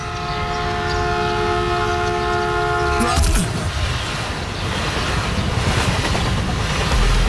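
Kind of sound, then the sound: vehicle, train passing with horn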